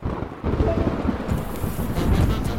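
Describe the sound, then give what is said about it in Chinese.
Steady rain hisses continuously, with a deep, rolling rumble of thunder underneath that swells and fades, loud with no voices; a sudden summer thunderstorm while driving on a highway. “真倒霉，刚上高速的时候还是晴天的，怎么就突然开始打雷下雨了？”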